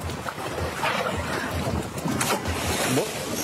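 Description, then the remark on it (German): Water rushes and splashes against the hull of a sailing ship under way in a regatta of large and traditional sailing ships at Kiel, Schleswig-Holstein, Germany, with steady wind buffeting the microphone and waves slapping in a continuous, busy wash. “Und los geht's dann natürlich auf dem Wasser.”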